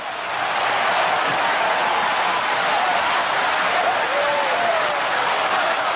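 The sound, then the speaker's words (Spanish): A church audience gives an ovation for Jesus Christ, applauding in a steady, dense wash of clapping that holds at a constant level for several seconds, with faint overlapping voices rising through it. “Sigue aplaudiendo.”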